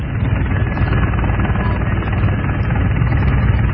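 A news helicopter flying, its steady, loud rotor drone filling the whole stretch, a continuous low thumping roar with no voices.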